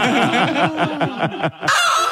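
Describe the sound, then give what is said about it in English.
A hen clucks rapidly as the 'mad hen' cue for the Winner Winner Chicken Dinner contest on CFM radio: a loud burst of short repeated calls, about eight in quick rhythm, ending with a brief pause and a final squawk. “Just listen to Raven while you work, and when you hear our mad hen clucking, give us a buzz”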